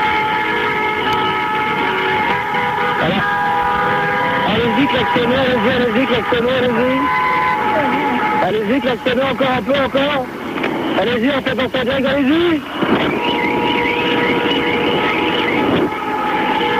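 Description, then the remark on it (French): Car horns blare almost nonstop in a loud street din in Paris at night, long overlapping honks layered over traffic noise, with voices calling out over the racket. “Allez-y, klaxonnez, encore un peu, encore.”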